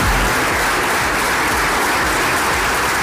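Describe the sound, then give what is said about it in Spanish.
A sustained ovation of many hands clapping, dense and loud, greeting mayor Noelia Arroyo at the presentation of the Murcia region's industrial plan at the Universidad Politécnica de Cartagena, continuing steadily without pause and with no voices rising above it. “La ovación con la que ha sido recibida la alcaldesa Noelia Arroyo la presentación del plan industrial de la región de Murcia en el CIN, en la Universidad Politécnica de Cartagena,”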